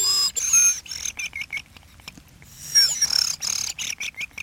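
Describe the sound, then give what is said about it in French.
A human whistle imitates a thrush, with rapid trilled chirps and short repeated high notes in uneven bursts, a rolling warble that rises and fades twice over a few seconds. “C'est grives. Tout le monde ne sait pas les siffler. Il faut faire un roulement, comme moi, je ne sais pas.”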